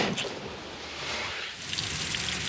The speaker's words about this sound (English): Just outside Pfeiffer State Park, firefighters are fueling up trucks and hooking their hoses up to hydrants, sucking in thousands of gallons of water.